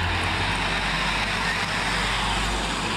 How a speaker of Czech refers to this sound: Tady je záznam. Přijíždí tramvaj. 26. Vinohradské hřbitovy.